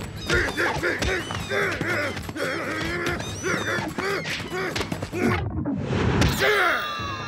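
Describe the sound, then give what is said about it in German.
Harsh, repeated squawks and honks from a bird burst out amid a chaotic tussle, with flapping, swishing and thumping noises, loud and continuous for several seconds. “Zisch ab, du dummer Vogel!”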